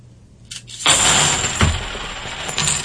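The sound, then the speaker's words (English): A batch of fifty clad half dollar coins drops together, making a dense, continuous clattering rush for about two seconds, with a heavier thump midway and no talking. “I'm going to do the clad. Again, the same number of coins. 50 half dollars, what I'm using.”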